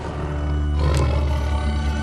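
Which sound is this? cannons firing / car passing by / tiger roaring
tiger roaring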